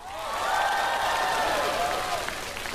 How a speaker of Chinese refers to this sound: 来，掌声给他。